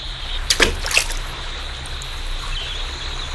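A few quick water splashes in the first second, then a steady rushing flow of river water continues around a small boat moving quickly downstream, with no one talking.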